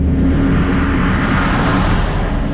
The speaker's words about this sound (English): Heavy trucks hauling all sorts of materials rumble down the rural roads surrounding Intel's New Albany site.